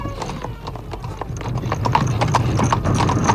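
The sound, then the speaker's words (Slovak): Horse hooves clip-clop steadily on a side street at dusk, a quick rhythmic clatter that grows slightly louder as the horses are whipped on and driven off, with a faint whinny mixed in. “Nerozprávaj toľko a šibni do koní.”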